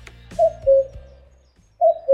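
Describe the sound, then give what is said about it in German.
Two pairs of soft, tonal bird calls, each a brief rising note dropping into a steady held tone, spaced about a second and a half apart, clear over a low background rumble. “Laut einer Studie tut es gut, den Vogelstimmen zuzuhören.”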